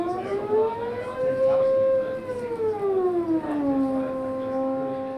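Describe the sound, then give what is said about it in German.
A glissando on a Haken Continuum keyboard instrument, laid out with normal piano keys from bottom to top: one smooth, sustained tone slides up, holds, then glides down and back up, siren-like and fairly loud, with no talking. “Das Hacken-Continuum, das ist eigentlich ein bisschen wie ein Ondemateno, aber man sieht hier die normale Tasten des Klaviers von unten bis oben, aber man kann auch eine Glissando machen.”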